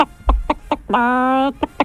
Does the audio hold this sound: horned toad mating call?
no